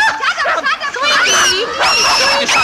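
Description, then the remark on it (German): A small dog that has got itself tangled up whines and yips in high, wavering cries, with several drawn-out whimpers between short sharp yelps, fairly loud with no one speaking. “Jetzt hat sich der Hund eingewickelt.”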